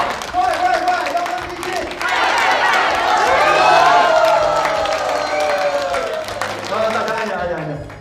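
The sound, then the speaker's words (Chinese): A lively crowd claps and cheers loudly for several seconds at the host's call, many voices chanting together "幺三七七，快快快" ("1377, hurry, hurry") over the applause before it begins to fade near the end. “行吧，大家伙说，大家鼓掌。”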